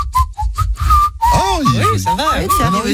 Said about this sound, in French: Attends, alors, moi, je suis pas le meilleur siffleur du monde, mais bon.